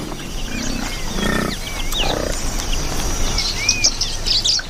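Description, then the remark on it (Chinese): Nyasa (Lilian's) lovebirds chirp in a busy, overlapping chatter of short, high calls and quick rising whistles as they search sticky mud for stuck plant seeds, set against low grunting animal noises and a steady outdoor rumble. “尼亚萨湖牡丹鹦鹉在粘稠的泥土里寻找被粘住的植物种子”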